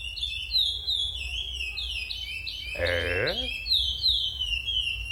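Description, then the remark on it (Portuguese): A curió finch sings a sabiá-style song, a steady run of clear, whistled, down-slurred phrases, bright, with one short spoken interjection breaking in near the middle. “Deixa eu ver aqui, ó, pra escutar, ó o curió do Acamelo, ó. Ó o curió sabiá.”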